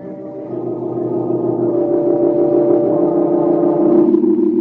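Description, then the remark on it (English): A rented car's engine hums steadily at low speed as it turns off the road and slowly approaches an old deserted house, a continuous mid-pitched drone that swells slightly as the vehicle rolls closer, with no voices. “They turn off the road and slowly approach the old house.”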